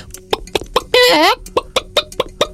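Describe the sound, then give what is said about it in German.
A chicken clucking in short, rapid, evenly spaced clucks, broken in the middle by one longer, drawn-out squawk before the clucking resumes. No one speaks. “Okay, ich glaube, das sollte einem bei dieser Vogelzählung nicht begegnen. Ich würde sagen, ist es Huhn?”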